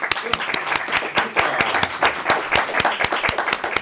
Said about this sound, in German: Vielen Dank, das war super. Applaus für alle.